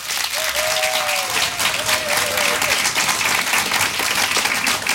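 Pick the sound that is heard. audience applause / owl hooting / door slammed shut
audience applause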